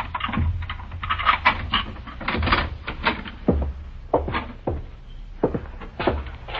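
Keys from an extra set jingle and click in the lock of a house door, followed by a latch clacking and the door opening, a steady run of small metallic rattles and knocks with no talking.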